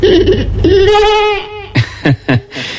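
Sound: sheep bleating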